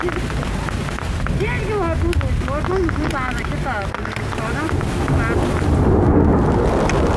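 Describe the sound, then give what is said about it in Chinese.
Steady, dense hiss of rain falling outdoors on a plateau, holding level throughout, while several people call out hurriedly to pack up their instruments and equipment. “收东西，收东西，下雨了，下雨了。”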